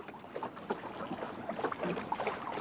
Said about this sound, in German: Das hier ist jetzt zum Beispiel traumhafter Wind, um wirklich alle Lappen hochzuziehen und mit einer schönen Reisegeschwindigkeit voranzukommen.